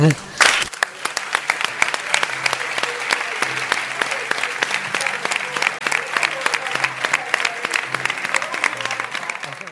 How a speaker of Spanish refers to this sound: Sí, no, pero que lo primero nos vamos a meter todos nosotros a aplaudirles a ellos, que son quien de verdad lo merece.